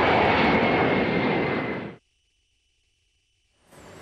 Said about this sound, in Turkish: Esenboğa Havalimanı'ndan ABD'ye hareket eden Trump'ın dönüşte başka bir başkanlık uçağını tercih etmesi dikkat çekti.